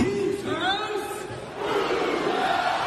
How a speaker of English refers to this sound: Being able to get onto court and lead the Who's House, Coug's House chant was just an absolute dream come true. Hearing the roar back of Coug's House, truly a magical moment.